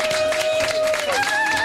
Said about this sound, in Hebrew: ערב טוב חיילי צה"ל, תשאו להם מחיאות כפיים!